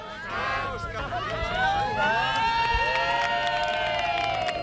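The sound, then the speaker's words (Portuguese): A crowd cheers and applauds loudly and continuously outdoors while about fifteen wheelchairs are pushed uphill, many voices overlapping in energetic shouts and whoops, with scattered clapping throughout. “Ovacións e aplausos para axudar a empurrar costa arriba unha quincena de cadeiras de rodas.”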